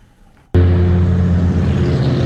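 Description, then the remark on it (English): A loud, steady industrial hum from a data center along Loudoun County Parkway near Waxpool Road in Northern Virginia kicks in abruptly after a quiet moment, a dense low drone with tonal bands that holds constant. “You can't miss the loud drone driving along Loudoun County Parkway near Waxpool Road.”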